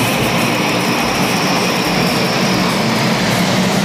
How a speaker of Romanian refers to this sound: On y trouve des Rafales marines, des E2C Hawkeye que vous avez à l'écran, petit avion, avion de renseignement et de contrôle aérien